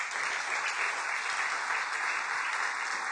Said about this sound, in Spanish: Maestras, sí, un fuerte aplauso para todos ustedes.